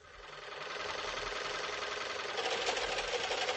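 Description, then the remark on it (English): A faulty sewing machine runs steadily while a dress is being altered, its rapid mechanical chatter growing rougher and louder toward the end, with a grinding, knocking rattle like a machine that isn't working right. “Mrs. McGee is performing some alterations on a dress. This is trouble enough with a good sewing machine. But listen to this.”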